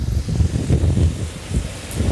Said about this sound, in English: It's getting so blowy and windy here.